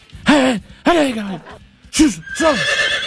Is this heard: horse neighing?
yes